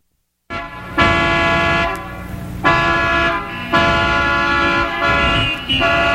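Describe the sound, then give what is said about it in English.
Several car horns blare loudly in overlapping bursts, one long sustained honk joined by others in staggered blasts, like impatient drivers stuck in traffic. No voices. “Traffic jams, air pollutions, and a dozen other irritations a day can make life mighty miserable.”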